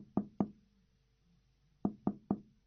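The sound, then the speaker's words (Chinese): Knocking on a train's toilet door: two sharp raps, a pause of over a second, then three more quick raps, fairly loud against otherwise quiet surroundings. “而这时，一个美洲人跟到厕所门前，敲了敲门。”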